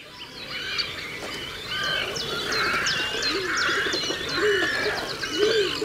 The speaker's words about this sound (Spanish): En este paisaje de aguas salobres del Tajo aparecen ahora los grandes navegantes silenciosos del río, los cormoranes grandes, nombre científico Phalacrocorax carbo.